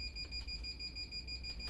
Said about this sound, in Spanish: Oh, de nuevo, la alarma. No estaremos por salir eyectados de algún lado. Bueno, bien. Menos mal que la habían venido a arreglar.